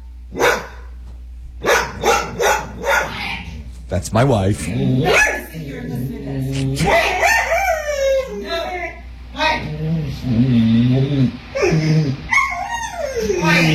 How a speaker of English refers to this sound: This is the kind of thing we deal with, you know, with this kind of noise. Regular barking. But then it gets really high-pitched.